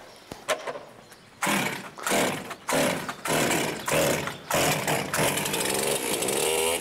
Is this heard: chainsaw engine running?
yes